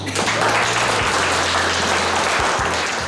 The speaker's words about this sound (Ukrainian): Роль реба виконує аудиторія. Студенти гучно аплодують і таким чином заглушають команди пілота своєму дрону.